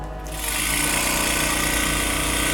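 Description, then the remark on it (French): A bead mill tissue lyser starts up and grinds tissue samples into powder for DNA extraction, small beads inside shaking very rapidly, with a loud, steady, buzzing rattle that holds at full intensity without pause. “Donc, pour réduire en poudre les échantillons, on peut les mettre dans un tissue lyser.”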